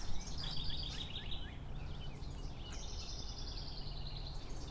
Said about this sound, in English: Looking up at an old dead tree, probably a cottonwood. There's a lot of birds hanging around.